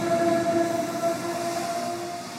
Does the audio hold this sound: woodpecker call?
no